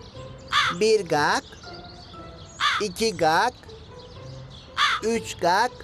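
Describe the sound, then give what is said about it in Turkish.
A crow caws in three separate bursts of about three harsh, rasping calls each, spaced a couple of seconds apart, loud against a quiet background hum. “Bak şimdi bu karga 5 kere ötünce gelecek fikri.”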